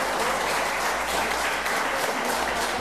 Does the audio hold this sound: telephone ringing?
no